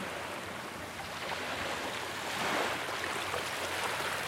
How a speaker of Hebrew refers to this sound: לאט לאט אתם יכולים להעביר את תשומת הלב שלכם, מהצילים של הים, לגלים, שעוטפים אותנו.